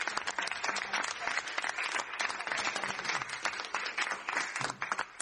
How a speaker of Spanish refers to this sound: un fuerte aplauso y a todos.